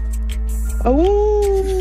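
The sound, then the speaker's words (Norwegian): A person imitates a dog with one drawn-out vocal howl that rises sharply, then holds a steady whining note for about a second, fairly loud over a low background hum. “Hvem du best på å parodiere? Ingen. Vi må ha et svar her. Hunden. Hundene, får jeg høre.”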